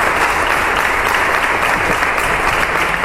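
The whole Murcia city council corporation claps together, ending a minute of silence held in memory of the late mayor Ballesta: a dense, steady patter of many hands that holds at the same loud level throughout, with no voices rising above it.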